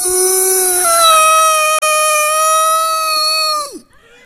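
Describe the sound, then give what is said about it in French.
A voice imitates an old ghost's wail: one long, loud, steady high-pitched note held for over three seconds, briefly breaking once, then sliding down abruptly at the end. “Le deuxième bruit, c'est le vieux fantôme.”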